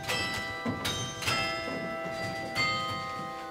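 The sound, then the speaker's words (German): The carillon tower bells of Schloss Johannesburg, played by the city carillonneurs, ring out in a melody, several struck notes overlapping with long, shimmering overtones that hang and decay; moderately loud, no voices. “Von hier aus spielen die Stadtkarioneure auf den Glocken von Schloss Johannesburg.”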